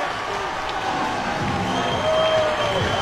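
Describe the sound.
A baseball stadium crowd in Long Beach cheers loudly and steadily, a dense roar of voices with scattered shouts and whistles rising above it for the full few seconds. The crowd cheers as their team gets a base runner on an error in the seventh inning.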